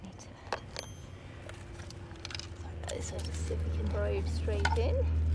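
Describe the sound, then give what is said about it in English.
Scraping clicks and gritty crunches as a metal probe fitted with a contact microphone is pushed into soil, in a hole made with a skewer, followed by a low rumbling hum that swells, with faint voices murmuring in the background. “So just see if we can probe straight in.”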